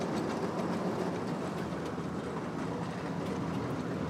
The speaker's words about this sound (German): Meile für Meile reißen Kevin und Elvis mit ihrer Motordraisine ab.